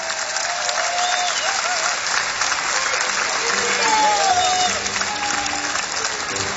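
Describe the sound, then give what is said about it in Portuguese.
Sustained audience applause for four musicians called onto the stage at a fado show, a dense steady wash of clapping lasting several seconds, with faint whistles and cheers rising above it midway. “Um grande aplauso para eles.”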